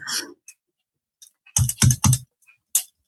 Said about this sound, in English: I hear a mouse clicking there.